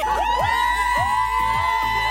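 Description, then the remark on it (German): A dense crowd of fans at a K-pop concert screams and cheers at high pitch, many voices overlapping into a loud, continuous roar with rising and falling shrieks throughout. “Ja, ich glaube, das mit dem Schreien können wir uns jetzt alle sehr, sehr gut vorstellen.”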